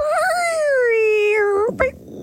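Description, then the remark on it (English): A person's voice imitates an elephant trumpeting: one long, wavering, high-pitched call that slowly sinks in pitch, then breaks off into a short snort-like burst. Fairly loud. “So I'm assuming that's an elephant, and the noise is...”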